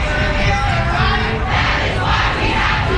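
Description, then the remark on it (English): A large crowd marching through downtown Raleigh after speakers highlighted public education underfunding roars loudly and steadily, many voices shouting and yelling together in a dense, continuous wall of sound with no single speaker standing out. “After several speakers highlighted issues of underfunding, the massive crowd marched through downtown Raleigh.”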